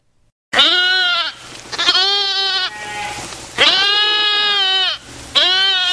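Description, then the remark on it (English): Goats and sheep bleat loudly, four long wavering calls one after another with brief gaps, no voices present; they graze over the spot where a sprawling city once existed. “Today, goats and sheep graze over the spot where a sprawling city once existed.”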